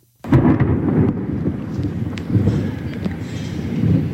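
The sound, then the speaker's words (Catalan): Deep, rolling thunder rumbles continuously over steady, intense, at times torrential rain during a night storm, with booming low swells rising and fading across the whole stretch; no voices are heard. “Aquest era el so que teníem a sí, nit. Sí. I la pluja tan intensa que va caure, com diguem, en molts pobles de la comarca, en certs moments va ser torrencial,”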